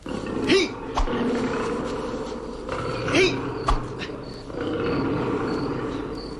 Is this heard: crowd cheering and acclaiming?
no